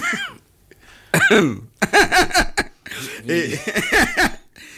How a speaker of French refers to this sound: si vous continuez à tousser, je me tais, parce que il y a quand même un manque de respect assez. On vous dirait pas que c'est pas une toux irrespectueuse.